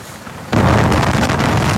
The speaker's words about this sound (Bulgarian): Как се кара в този вятър? Еми спряхме за това, не мога се кара.